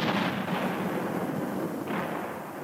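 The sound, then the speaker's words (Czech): Heavy cannon fire rumbles in a dense, continuous barrage, with booms blurring into one loud roar and no voices over it. “Když to král slyšel, rozkázal vězni, aby zanechal střelby a ten klobouk mu dal.”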